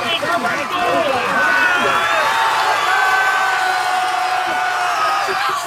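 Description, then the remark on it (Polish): A large crowd on the beach at Dziwnów, Poland, cheers and whoops continuously to welcome an ultramarathon swimmer finishing a swim across the Baltic Sea, a dense wash of overlapping shouts and voices holding steady and loud, with higher-pitched yells rising above the roar. “Wczoraj wieczorem, po ponad dwóch dobach nieprzerwanego wysiłku, Bartłomieja Kubkowskiego na plaży w Dziwnowie witały tłumy.”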